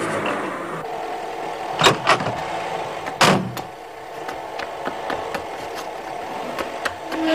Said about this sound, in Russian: Ночь. Лёлик выгоняет из гаража машину.